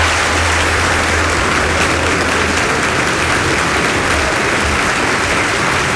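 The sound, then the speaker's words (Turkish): Steady, dense applause from a large audience as a show begins, loud and continuous, a broad wash of clapping hands with no voices standing out. “İtirazı olan yoksa gösteri başlasın. Alkışlamayı unutmayın.”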